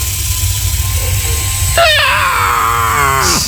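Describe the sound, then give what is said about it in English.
An electric foot sander, used to sand calluses off feet, hums steadily, then as its speed is adjusted from slower to super fast its whine jumps high and slides downward in pitch with a rough, buzzing edge before settling into a lower drone. “So I'm adjusting the little thing right here, and it's going from not as fast to super fast.”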